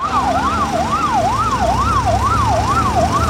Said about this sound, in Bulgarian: Свалиха ме долу на тревата, легнах и само чувам как линейките една по една идват.